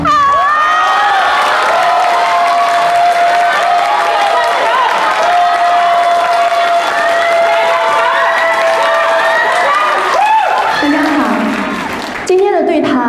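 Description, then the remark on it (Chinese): An audience applauds loudly amid cheering and excited shouting voices to welcome a guest onstage for a conversation segment, a dense, steady roar that holds for about ten seconds before tapering off at the end. “下面我们进入到对谈环节，让我们掌声欢迎”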